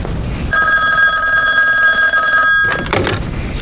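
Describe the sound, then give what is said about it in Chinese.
A telephone rings with a bright, continuous electric bell tone for about two seconds, loud, then cuts off abruptly as a call to a railway bureau director's office connects, followed by a brief clunk of handling. “这样吧，你先坐着，我打个电话。”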